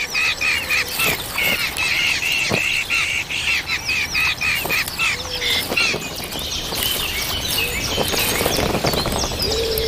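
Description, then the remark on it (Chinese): A brood of hungry hawk chicks calls nonstop to their parents for food, a dense stream of shrill, high-pitched cheeps and squeaky begging notes overlapping loudly throughout, with no voices. “一窝饥饿的大尾鹰雏鸟需要父母全心全力照料。”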